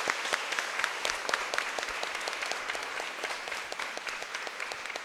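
An audience applauds steadily, a dense wash of many hands clapping at once with sharp individual claps standing out, sustained at an even level throughout with no voices over it.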